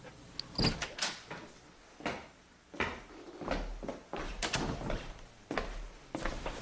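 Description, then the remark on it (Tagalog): A door opens with a string of sharp clunks and rattles, a handle and latch working on the unlocked door, then a few more knocks and scuffs as a mother comes through into the room. Nobody speaks. “Opo ma, pasok po kayo. Hindi po nakalock yung pintuan.”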